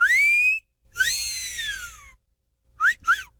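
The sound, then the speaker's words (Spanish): A loud wolf whistle: a rising note, then a long swooping one that climbs and falls away, followed after a pause by two quick short whistle chirps. No one speaks. “hágale usted a todas las de 85 con el chiflidito del compa …”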